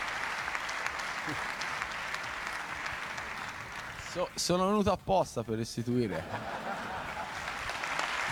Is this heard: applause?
yes